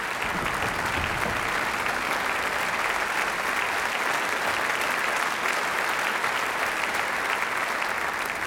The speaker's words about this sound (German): Ja, Applaus.